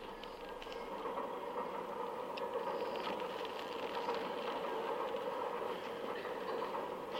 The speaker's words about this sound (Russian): Купе вагона в поезде Москва-Одесса.